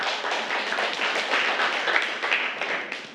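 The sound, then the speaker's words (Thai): A group of children clap together for a classmate at a teacher's request after the classmate answers a question, a dense, steady patter of many small hands lasting a few seconds with no talking over it. “เก่งมากอ่ะปรบมือให้เพื่อน”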